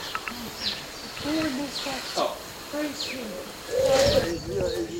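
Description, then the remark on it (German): Several short, high bird chirps recur every second or so over a low murmur of voices, with a steady outdoor background hum. The birds are at a birdhouse on the grounds, where they come looking for food. “Hier sind wir in Gelände und da sieht man ein Vogelhäuschen und da ein Vogelhaus, wo man Vögel auch drinnen beobachten kann, wenn sie Futtersuche sind.”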